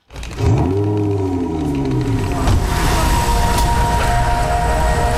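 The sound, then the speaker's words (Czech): A silver electric supercar called Titan (600 kW, 815 hp, 117 kWh battery) drives past quietly with a chord-like electric hum, boosted in volume. Layered tones sweep and bend early on, then settle into a steady, sustained whine over a rushing rumble. “Jede potichu a zní to jako hudební akord. Zvuk musíme hodně zesílit.”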